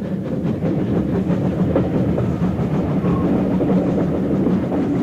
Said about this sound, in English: After having travelled to Tamworth so many times by stagecoach, I could never quite get used to the train journey. It seemed strange somehow to hear the hiss of steam and not the cracking of the driver's whips.